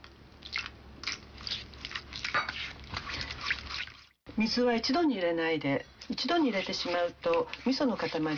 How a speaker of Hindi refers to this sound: तो एक डेगची में चार बड़े चम्मच मिसो पेस्ट और चार बड़े चम्मच चीनी डालिए और अच्छी तरह मिला लीजिए। अब इस मिश्रण में लगभग 50 मिलीलीटर पानी दो हिस्सों में बांटकर मिलाइए।